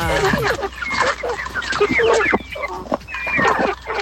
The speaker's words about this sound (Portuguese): É só o barulho das galinhas mesmo, o áudio?